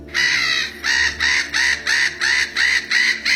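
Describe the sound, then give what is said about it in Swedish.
Bold gulls that steal food and attack call in a steady series of about seven loud, harsh squawks, evenly spaced, with no voices. “Närgångna måsar som snor mat och går till attack, ett växande problem den här sommaren.”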